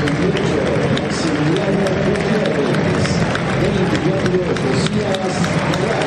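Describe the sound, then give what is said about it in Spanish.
A huge stadium crowd applauds in a steady, dense wash of clapping and cheering that holds at full strength throughout, with a voice speaking over the din, as the players' names are announced; the applause for Montiel is the loudest. “Montiel el más aplaudido ahora.”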